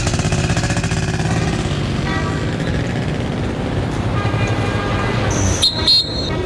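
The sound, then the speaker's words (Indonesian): A motorcycle engine hums steadily as a father rides his child to school, a low continuous drone, with a short sharp horn-like toot near the end. “Ayo, Nduk, Bapak antar sekolah. Pakai motor biar cepat.”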